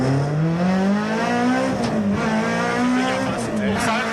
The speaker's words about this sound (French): Quel bonheur de l'entendre à 8008 ce moteur. La motricité, c'est juste impressionnant. T'es en deux, tu mets gaz à fond, ça bouge pas.